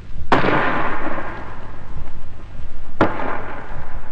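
A 5.5-inch artillery gun fires at point-blank range, about 250 yards, at the wall of Fort Dufferin with a loud boom, followed about three seconds later by the shell bursting on the wall in a second sharp blast, each leaving a long rumbling echo over steady background noise.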